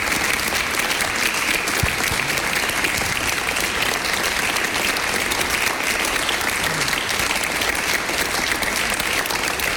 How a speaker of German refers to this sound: Und ich bitte nochmal um einen großen Applaus.